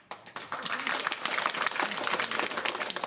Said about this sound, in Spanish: Aplausos para mí.